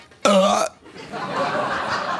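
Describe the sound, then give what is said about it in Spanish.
A single loud, sharp vocal burst lasting about half a second, a voice imitating the forceful hiccup of a man who had a severe hiccup attack lasting an hour and a half, followed by a noisy, murmuring stretch that sounds like laughter or background chatter. “Y el pobre vino con un ataque de hipo increíble.”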